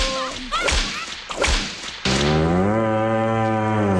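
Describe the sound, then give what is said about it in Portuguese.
A few sharp whip cracks snap out, then an ox lets out a long, loud, low moo that holds steady for about two seconds, with no voices. “Passa pra lá, boi, vai, nojinho.”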